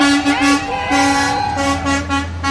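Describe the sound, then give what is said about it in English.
A long line of fire trucks rolls out of the Abajo Mountains on the west edge of Monticello in the evening, their horns honking loudly: long blaring blasts overlapping with shorter repeated toots, over a steady low engine rumble. “For the last week, dozens of people here have been gathering every evening on the west edge of town when a long line of fire trucks roll out of the Abajo Mountains.”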